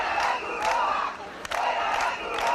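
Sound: protesting crowd shouting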